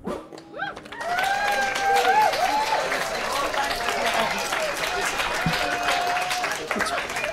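A crowd breaks into sustained, dense applause that holds steady and loud for several seconds, with a few high whoops and cheers rising above the clapping.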